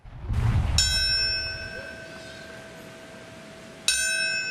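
A single deep memorial bell strikes and rings out with a long, sustained hum, then is struck again near the end, clear and resonant over faint background ambience. It is rung at Ground Zero in New York to mark the moment the first plane struck the North Tower 25 years ago.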